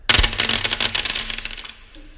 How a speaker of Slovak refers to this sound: Tu máte vrece drobných mincí. Môžete potrápiť hracie automaty.